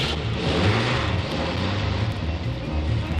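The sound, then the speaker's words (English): A truck engine rumbles steadily as the truck starts down an old narrow dirt road, its deep low drone layered with a broad rushing noise as it rolls along without pause. No one speaks. “And as the truck started down the old narrow dirt road,”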